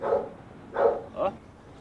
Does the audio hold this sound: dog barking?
yes